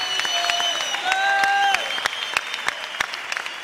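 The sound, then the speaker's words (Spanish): An audience applauding with steady, scattered claps, over sustained high tones that hold and bend before fading around the midpoint, leaving the clapping to carry on alone. “Aplaude, porque es parte del desarrollo de la fe, del poder.”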